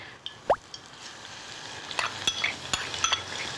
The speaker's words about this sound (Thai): เวลาเจียวหอมเจียวกระเทียมนะคุณผู้ชมใช้หม้อที่มันสูงหน่อยหรือว่าเวลาใส่น้ำมันอย่าไปใส่เยอะมากค่ะเพราะว่าถ้าเกิดว่าพอใส่ไปเนี่ยฟองมันจะขึ้นแล้วถ้าเกิดเราใส่น้ำมันเยอะมันก็จะไหลออกมาเช็ดยากค่ะ